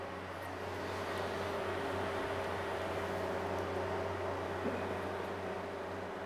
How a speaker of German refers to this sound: Weil wir mit Nebel arbeiten, muss es hier drinnen für die nächste Aufnahme wieder klar sein. Deshalb läuft der Ventilator. Er saugt die dunstige Luft aus dem Raum.